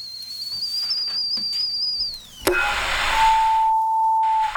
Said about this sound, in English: Cup of tea, dear. The kettle's on.